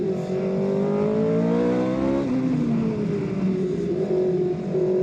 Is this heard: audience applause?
no